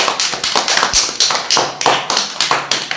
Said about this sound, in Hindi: चलिए हम शुरू करते हैं हमारा कार्यक्रम, और उससे पहले आप सब मिलकर बजाइए ताली।